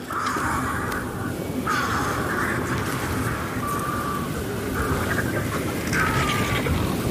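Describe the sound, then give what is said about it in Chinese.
Ravens give a series of about five harsh, croaking calls at fairly regular intervals, rising above a steady, rough background rumble. “虽然渡鸦和兀鹫没有金雕那般刚猛的力量，但它们同样能熬过寒冬。”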